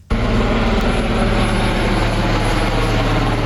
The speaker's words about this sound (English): And helicopters have all been deployed to search for survivors.